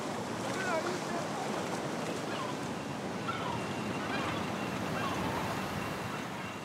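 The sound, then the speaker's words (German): Steady sea surf washes and hisses without pause, a dense rushing roar of water and wind, with a few faint higher calls drifting over it, as two young oxen wade in to wet their hooves and slowly get used to the sea. “Zweite Übung: Hufe nass machen. Die beiden Jungochsen gewöhnen sich nur langsam an das Meer.”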